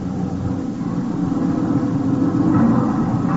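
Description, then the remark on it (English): A truck engine rumbles steadily throughout, a dense low drone that holds fairly loud, swelling slightly toward the end without cutting out. No voices are heard. “Hey, stop this lousy truck for a minute.”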